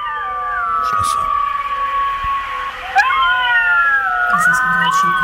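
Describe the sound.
A pack of golden jackals howls together, several high, wavering voices overlapping in long sliding wails that rise and fall, with a burst of yips and new howls joining partway through.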